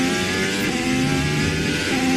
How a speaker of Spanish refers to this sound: ¿Escuchan eso? Es el sonido de un motor de un coche de Fórmula 1, un monoplaza que puede llegar a alcanzar los 378 km por hora.